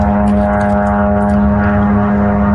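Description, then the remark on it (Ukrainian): A Shahed attack drone's engine buzzes overhead during a morning attack on Zaporizhzhia, Ukraine, in a steady, loud, nasal drone that holds constant pitch throughout, with no voices. “Від ранку Запоріжжя під атакою ворожих безпілотників.”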